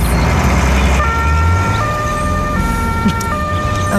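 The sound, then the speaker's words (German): An emergency vehicle siren cycles loudly between two alternating tones in a steady hi-lo pattern, starting a second in, over a continuous low rumble of road traffic. “Aber nur, wenn die Sirene ausbleibt.”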